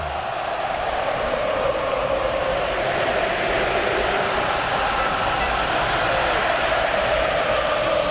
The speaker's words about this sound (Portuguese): Tentando defender o seu título aqui, agora a torcida vem junto. Ouça um pouquinho do MetLife, ó.